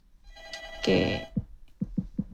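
A telephone rings with an incoming WhatsApp call to a radio show, one bright electronic ring burst lasting about a second, followed by a few soft, low thumps. No one speaks.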